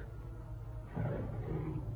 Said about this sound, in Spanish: ¿Escuchó usted? Fue como el rugido de un tigre.